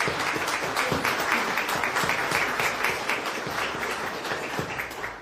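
Steady applause from a crowd, many hands clapping in a dense, continuous patter that holds at a fairly even loudness for about five seconds, with no one speaking over it.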